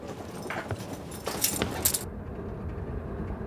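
Keys jangle in a few quick, bright metallic bursts over about a second and a half, then stop, leaving a low steady background rumble. The keys are being used to swap a man's handcuffs for another pair.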